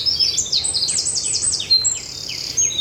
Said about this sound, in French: Ah, les troglodytes, les fauvettes. Les mésanges. Voilà, et les merlettes, les merles qui viennent gratter un peu partout. Je suis entourée d'oiseaux, ça c'est sûr.